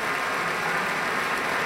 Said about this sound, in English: Continuing applause for Pablo Sanz-Viegas. And with that, we've come to intermission during this broadcast concert by the Pacific Symphony.